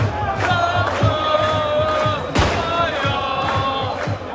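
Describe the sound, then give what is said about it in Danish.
A large crowd in Aarhus cheers and chants in celebration of AGF's football championship gold, loud and continuous, with sustained sung voices, rhythmic thumps and a sharp burst of roaring partway through. “Fejringen af AGF's fodboldguld fortsætter i dag i Aarhus. De seneste dage, der har byen lyttet nogenlunde sådan her.”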